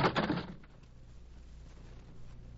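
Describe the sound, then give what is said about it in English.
A quick cluster of hollow wooden thumps as a skull bumps down the stairs inside a house, lasting about half a second before fading into quiet with a low steady hum. “It's coming down the stairs.”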